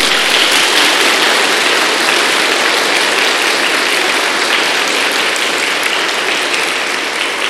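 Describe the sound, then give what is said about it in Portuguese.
A large crowd claps steadily and loudly to welcome people during a religious ceremony, a dense, continuous wash of applause lasting several seconds without pause. “E nós acolhemos elas com a salva de palmas.”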